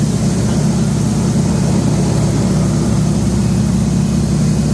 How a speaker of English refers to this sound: Oh, love the sound of the engine on that.